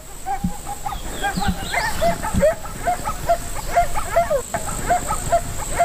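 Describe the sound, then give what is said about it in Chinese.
A large wolf pack of about 20 wolves at play, with a steady stream of high whimpers, whines and short yips overlapping from several animals, with scuffling and soft grunts underneath. “大约有20匹狼，这是一个庞大的狼群。”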